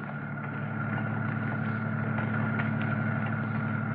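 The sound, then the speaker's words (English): A roadster car engine idles steadily, pulled up near burning refuse at the city dump on the eastern limits of Huntington Beach in fog, a continuous low rumbling hum with an even, throbbing pulse that holds at a constant level throughout, with no voices. “Kill your motor and we'll get busy.”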